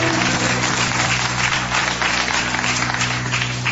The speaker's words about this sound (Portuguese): Palmas ao nosso Jesus, exclusivamente a Ele.